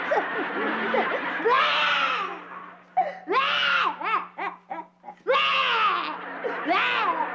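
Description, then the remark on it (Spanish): Loud wailing cries in long, rising-and-falling bursts, broken by short sobbing gasps before the howling resumes, high-pitched and exaggerated, with no other sounds. “Ya sé por qué estás llorando.”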